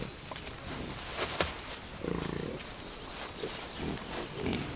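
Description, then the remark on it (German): Wild boar grunt in short, low bursts while rooting for food in hard, baked-dry summer ground, using their wedge-shaped skulls to dig, with a steady rustle and scrape of digging underneath; one louder grunt stands out midway, then softer ones follow. “Dann müssen sich die Schweine besonders anstrengen, wenn sie Nahrung ausgraben wollen.”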